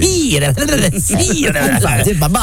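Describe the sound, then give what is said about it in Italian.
A loud voice imitates a hissing snake, talking like a snake, drawing out sibilant hisses blended with wavering voiced sounds in a continuous stream. “Parli come serpente.”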